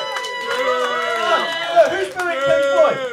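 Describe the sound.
Several voices boo together in long, wavering, fairly loud jeers that slide up and down in pitch, with a brief dip before the booing swells again.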